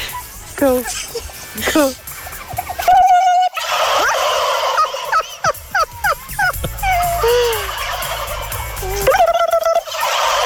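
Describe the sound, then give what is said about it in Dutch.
In a forest in England, a woman mimics a turkey gobble, and a large group of real turkeys answers with loud, rapid gobbling bursts, several calls overlapping in quick succession over a steady background. “Maar ze besloot het geluid van een kalkoen na te doen en kreeg uiteindelijk ook respons.”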